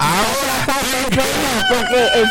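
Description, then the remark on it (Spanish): A rooster crows loudly early in the morning, one long, strained call whose pitch wavers and breaks several times before trailing off. “¿Qué es eso? Bueno, un gallo tan tempranito en la mañana.”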